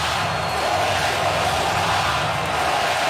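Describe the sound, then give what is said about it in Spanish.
Baseball fans shouting in a stadium, a loud, dense, unbroken roar of many voices that holds steady for the whole stretch with no single voice standing out. “Es tan alto el ruido de los fanáticos que está destrozando la señal de los efectos especiales.”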